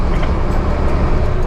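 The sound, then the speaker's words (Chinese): Steady, loud roaring rush of Tibetan wind buffeting through an open window of a moving military transport truck on the Sichuan–Tibet Highway in August, with low engine and road rumble underneath and no voices. “收到， 把玻璃摇下来，感受一下西藏的风。”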